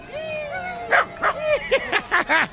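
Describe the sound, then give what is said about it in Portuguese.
A small dachshund in Times Square lets out a long whine, then a quick run of about six sharp, high-pitched yips and barks, fairly loud over faint street-like background noise. “Gente de Israel passando e passeando pela Times Square, literalmente com um cachorrinho.”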